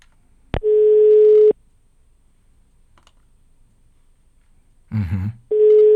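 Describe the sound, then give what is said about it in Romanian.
An outgoing call's ringback tone: a steady, clear electronic beep lasting about a second, then a long silence before the next tone begins, with a short muffled noise just before it. “De sunat sună. Și sună frumos. E un sunet plin.”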